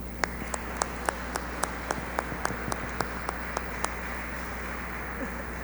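An audience applauds with steady, rhythmic clapping, about two sharp claps per second for several seconds, over a constant low hum, with no one speaking.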